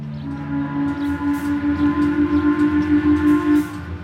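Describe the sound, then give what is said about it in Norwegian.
At ten o'clock, a loud, deep steamship horn blows from the ship's funnel in one sustained blast of about three seconds. It starts as a low two-note chord and settles into a single droning tone over a pulsing rumble before cutting off. “Klokken 10 støter skorsteinen på dampskipet høylytt.”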